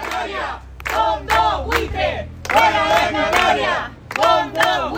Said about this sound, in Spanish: Así, entre gritos de los vecinos, se ha llevado a cabo este desahucio de una vivienda de protección oficial, ahora en manos de un fondo de inversión.